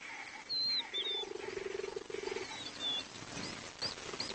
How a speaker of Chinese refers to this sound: 猎豹是非洲唯一会发出咕噜声的大猫。